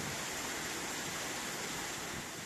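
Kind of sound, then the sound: nature, rushing waterfall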